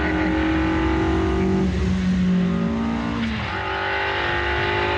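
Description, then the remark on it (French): A car engine on a racing circuit roars at high revs on the first lap, running into the gravel, its harmonic pitch stepping up and down as gears shift, loud and continuous throughout with no talking. “Mais, circuit, on est dans le gravier au premier tour.”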